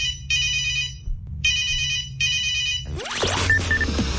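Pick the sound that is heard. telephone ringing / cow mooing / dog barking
telephone ringing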